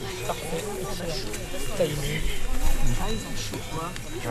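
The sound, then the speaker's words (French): Cowbells clank and jingle in a steady, overlapping jumble over a busy low murmur that sounds like cows moving and lowing in a field. The level stays fairly even throughout. “Même les cloches de vache.”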